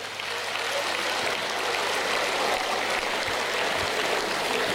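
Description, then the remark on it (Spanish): A crowd applauds in a steady, dense wash of clapping that holds at an even level for the whole stretch, with no clear voices over it. “Qué miedo, ustedes aplauden narco también.”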